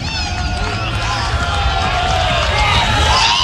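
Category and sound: crowd, stadium crowd cheering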